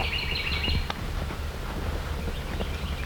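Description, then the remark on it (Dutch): A bird sings brief high whistling phrases outdoors in the middle of a field, most clearly in the first second, over steady low rumble and wind-like background noise, with faint rustling and footstep-like sounds. “Wat is dit voor een vogel? Ik weet niet wat een vogel. Nee, fluit zo mooi.”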